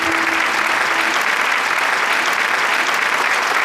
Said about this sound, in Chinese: 真的非常非常不容易，再次把掌声给到你们。